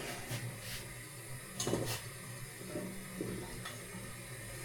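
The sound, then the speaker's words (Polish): Soft watery sloshing and a faint teaspoon clink against the edge of a pot as a green-dyed egg wrapped in heat-shrink film is lowered into hot water, quiet over a steady background hiss, with no talking. “I z pomocą łyżeczki przy brzegu garnka sprowadzam do wody.”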